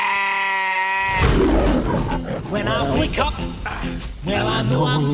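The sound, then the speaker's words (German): A shepherd's flock of sheep bleats loudly, several wavering calls overlapping one after another for a few seconds, after a steady droning tone at the start. “Hugh Jackman spielt einen Schäfer, der seine Schafe über alles liebt. Ich stelle euch mal meine Herde vor.”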